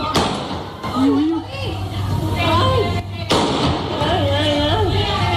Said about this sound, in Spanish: Son disparos del presunto atracador de 57 años que abrió fuego al verse sorprendido por agentes de la policía local. A la salida del banco se encontró precisamente con la patrulla y no dudó en emprender a tiros contra los agentes.